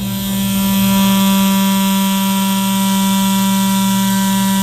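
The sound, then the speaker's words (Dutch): A steady buzz from a hybrid toothbrush, a regular toothbrush that is not electric, drones on without a break, a bright tonal hum with layered overtones that holds an even, fairly loud level after a quick start. “Is het geluid van een hybride tandenborstel.”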